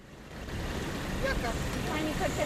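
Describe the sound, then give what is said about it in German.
Steady outdoor din at the bus station in Tirana, Albania, under heavy clouds: engines rumble and idle at a moderate level, doors hiss, and drivers call out their destinations amid indistinct voices and chatter. “Motoren brummen, Türen zischen. Fahrer rufen ihre Reiseziele in die graue Luft.”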